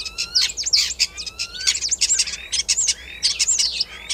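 A starling sings a busy, varied medley, mixing rapid whistles, chatters and rising glides that mimic other animals, including green sandpiper, crane, fox, common snipe, magpie and yellowhammer; fairly loud with no voices.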